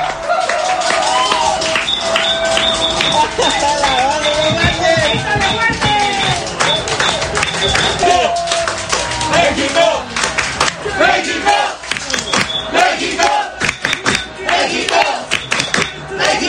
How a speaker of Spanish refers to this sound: El segundo tiempo también estuvo lleno de emociones, donde el cielito lindo se escuchó entre los aficionados que al silbatazo final gritaron de júbilo y corearon el nombre de México celebrando la victoria de esta noche.